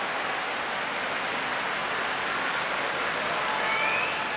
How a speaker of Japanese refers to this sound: 大歓声の国技館です。